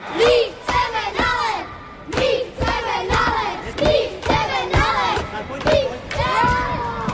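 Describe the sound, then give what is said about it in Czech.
Many young voices shout and call out over one another in a lively, echoing ice hockey rink in Prostějov, Czech Republic, where children are about to go out on the ice for the first time, with occasional dull thumps underneath, loud throughout. “Například v Prostějově se děti nemohly dočkat, až poprvé vyjedou na led.”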